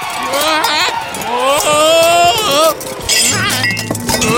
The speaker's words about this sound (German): Ach, du faule Nuss. Jetzt ist mir alles runtergefallen.